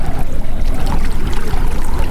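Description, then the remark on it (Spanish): Water flows steadily and continuously, a fairly loud rushing and trickling wash with no pauses and no voices. “¿Escuchas el agua, el viento, una voz que te llama?”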